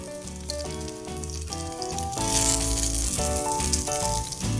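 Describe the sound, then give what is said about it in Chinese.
Zucchini sizzles as it pan-fries, a steady crackling hiss that swells louder about halfway through, heard beneath tuneful background music with no one talking. “节瓜，好，煎一煎就可以把它放上来了。”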